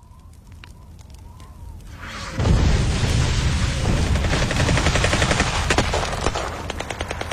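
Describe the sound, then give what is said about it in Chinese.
On a deep-winter night, a loud boom breaks a quiet stretch, then chaotic, overlapping gunfire rattles on in dense, irregular bursts. Rapid cracks and pops pile up heavy, with no voices. “在这年深冬的一个夜里，夜晚被外面的动静惊醒，在一片凌乱的枪声中，他被人带离了那处小院子，逃出升天。”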